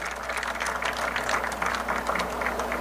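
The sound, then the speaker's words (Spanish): Steady applause from an audience for Honourable Member of Parliament Mike de Meza, a dense crackle of many hands clapping at once, holding an even, moderately loud level for about three seconds with no one speaking over it. “Então, eu quero pedir um forte aplauso também.”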